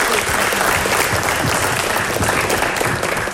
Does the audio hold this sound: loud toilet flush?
no